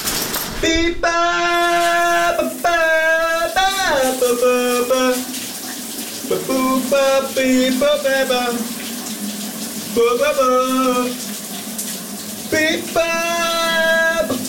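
A shower runs steadily with a constant hiss of water while a voice sings a wordless-sounding melody over it in sustained phrases, close and fairly loud throughout.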